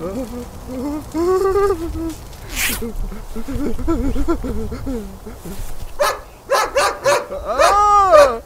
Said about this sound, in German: Scheiße, wo kommt der Hund her? Warte, ich knall ihn ab. Der Schäferhund ließ von dem Mann ab, blieb aber knurrend vor ihm stehen.